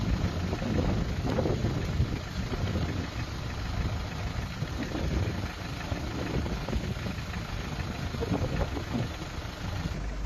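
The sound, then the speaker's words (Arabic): Outdoor riverside ambience on the Euphrates River in Raqqa Governorate on 25 May 2026, with the water level risen: a steady, low rushing roar of flowing water mixed with wind buffeting the microphone, continuous and fairly loud throughout, with no one speaking. “ما شاء الله، اليوم 25/5/2026، نهر الفرات، محافظة الرقة.”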